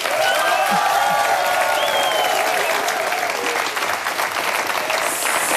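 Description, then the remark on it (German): A live audience at the SRF 1 radio Live-Stage applauds steadily, dense clapping at a loud, even level, with a few scattered cheers and whistles rising above it before it thins slightly near the end. “Mal einen grossen Applaus.”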